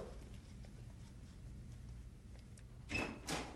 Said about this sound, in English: Listen, somebody's at the door.